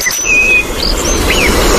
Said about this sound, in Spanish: Petirrojo europeo.